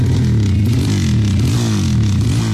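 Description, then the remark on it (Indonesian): A motorcycle fitted with a loud aftermarket open exhaust revs, its deep rumbling growl rising and falling in pitch over a couple of seconds, with no voices. “Makanya gak usah aneh-aneh, pakai knalpot brong segala lagi. Beruan, ganti sana knalpotmu. Tapi keren kan suaranya?”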